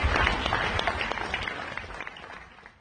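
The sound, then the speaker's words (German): An audience applauds at the end of a school theatre play performed by students, dense overlapping claps forming a steady wash of sound that gradually fades toward the end. “Unter großem Applaus ging das Stück zu Ende.”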